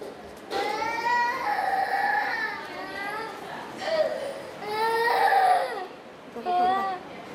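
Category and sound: human body sound, baby crying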